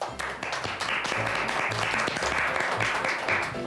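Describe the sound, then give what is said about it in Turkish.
A crowd claps steadily for several seconds, a dense, continuous patter of applause that stays loud and even throughout, with a few faint voices mixed underneath, applauding a child's correct answer, traffic police, in a children's riddle contest. “O zaman bence alkışlayalım.”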